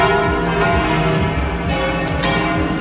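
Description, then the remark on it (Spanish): Many church bells of Madrid's churches peal at once, welcoming Pope Leo XIV on his arrival in Madrid, in a dense, continuous wash of overlapping ringing, loud and sustained throughout, with no voices. “En ese momento todas las campanas de las iglesias madrileñas han empezado a repicar.”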